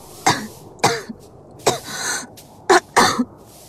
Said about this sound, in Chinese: 隐隐传来一阵咳嗽时，他连忙走出书房，站在卧室门口，他又犹豫了。